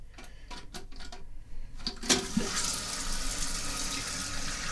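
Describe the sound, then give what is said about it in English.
A few clicks and clunks, then a steady hiss of water rushing in as a toilet tank refills after the float is jiggled, continuous with no talking. “Now the tank is filling back up.”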